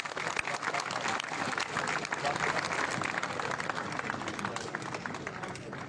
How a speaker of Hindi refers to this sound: बहुत ये जितने हमारे नागरिक यहाँ पर खड़े हैं या नेता अगर खड़े थे, एक बार तालियां हमारे खिलाड़ियों के लिए बजाओ भाई।